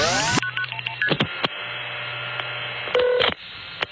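Telephone keypad dialing tones: a quick run of short, bright two-pitch beeps, then a pause over a steady low hum before a brief second burst of tones near the end.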